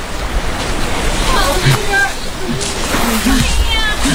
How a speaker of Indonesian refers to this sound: Meskipun dilarang petugas patroli, kapal para pengungsi Rohingya tetap merapat ke pantai. Para pengungsi buru-buru turun dari kapal, berloncatan ke air, dan mengharap bantuan warga yang ramai di pantai.